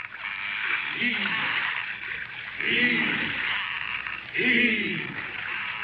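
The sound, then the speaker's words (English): Oars dip and pull through the water in slow, regular strokes, three heavy splashes about two seconds apart over a steady wash of water, as men in boats row to tow a ship in dead calm air. “Right now, with the air dead calm, the men are out in boats trying to tow the Lydia into a wind.”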